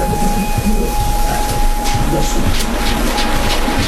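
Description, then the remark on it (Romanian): The Orient Express train rolls steadily along the rails at night among fir trees, with a loud, continuous roar and low rumble, scattered wheel clatter, and a thin sustained whine running through it. “Orient Expressul.”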